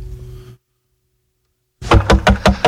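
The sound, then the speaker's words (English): After a brief low hum and a moment of silence, someone knocks loudly on a door about five times in quick succession, with no voices. “let me in, please open the door.”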